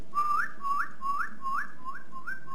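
A person whistles to relax a horse while it urinates: a repeated pattern of about six short notes, each sliding upward in pitch, in a steady rhythm. The whistling is soft and clear, with no talking.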